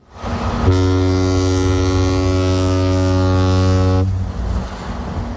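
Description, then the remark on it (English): A deep ship's horn sounds one long, steady blast of about three and a half seconds, rich in low harmonics, over a rumbling background that lingers after it cuts off. “And we're all at sea on the good ship Tech Life.”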